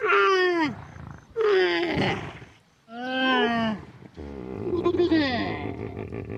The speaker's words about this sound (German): Ah, aber da ist ein Wasserloch. Da holen sich auch einige Tiere. Zum Beispiel die Kamele da hinten. Hört mal.